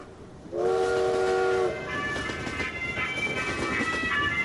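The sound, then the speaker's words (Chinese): A train whistle sounds one long, loud blast over the steady rumble of a train rolling along the rails; fainter tonal notes linger as the clattering continues. “1962年春节后，我一个人坐上了火车。”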